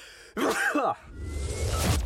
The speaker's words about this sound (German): Oh, ich muss niesen.